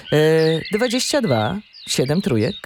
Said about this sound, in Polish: Ten program nazywa się Terra Cultura, proszę nie regulować odbiorników, te ptaki są uzasadnione.